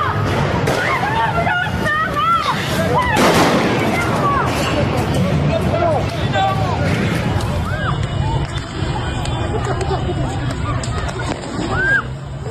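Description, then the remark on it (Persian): Sharp gunshots fired by security forces crack out at irregular intervals over a noisy, shouting crowd of protesters in Bushehr, Iran, with a louder cluster early and sparser shots later. “اون سنگی بوشهر تیراندازی نیروهای امنیتی.”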